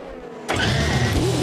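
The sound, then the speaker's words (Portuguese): In a radio station jingle, a race car engine suddenly roars in after a brief quiet moment, loud, its pitch climbing as it accelerates with a sustained high whine. “Band News FM, acelerando na velocidade do rádio.”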